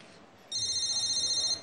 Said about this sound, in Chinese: 你电话？ 谁电话？ 你电话。